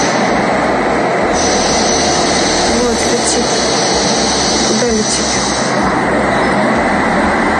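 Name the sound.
attack drone flying overhead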